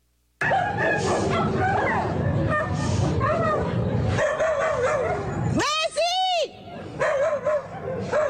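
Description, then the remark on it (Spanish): Frantic dog yelping and barking as a pitbull attacks another dog from the same household, with high piercing cries near the end, while neighbors shout and yell trying to stop the attack, around 2 a.m. in the Mitad del Mundo area north of Quito, Ecuador. “Son gritos de desesperación de los vecinos que intentaban detener el feroz ataque de un pitbull contra otro perro de la misma vivienda.”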